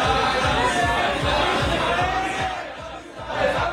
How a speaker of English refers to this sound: People cheering and waving Israeli flags greeted them when their rescue flight landed.